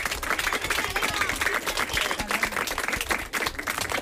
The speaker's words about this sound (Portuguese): A ver, dademos un aplauso a vos mesmos, para que xente na casa